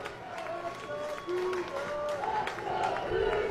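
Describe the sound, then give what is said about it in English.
A large baseball stadium crowd on the first base side cheers and roars continuously after a Washington State home run over the right field fence in the top of the seventh inning, a dense wash of many voices with scattered shouts and claps that swells slightly louder toward the end. “Cougar crowd incensed on the first base side.”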